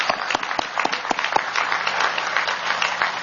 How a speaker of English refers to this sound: Ladies and gentlemen, again, how about a round of applause for those incredible kids? Wow.